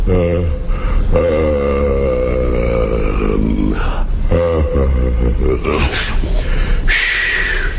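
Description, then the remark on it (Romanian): A deep, drawn-out vocal yawn, loud and rumbling, stretching over several seconds in a few groaning swells, performed by a voice imitating a giant yawning as he wakes the next morning. “A doua zi de dimineață, când uriașul se trezi, căscă odată și...”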